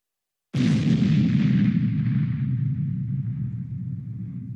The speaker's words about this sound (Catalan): Una explosió en català serà BUM, B-U-M.